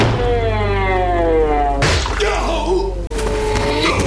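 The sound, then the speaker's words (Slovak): A door slams hard, then a pumpkin falls onto a man's head with a heavy thud a moment later: two loud impacts over a dense, busy background with a groaning vocal sound. “Len bolo treba silnejšie buchnúť dvermi. Padla mu rovno na hlavu.”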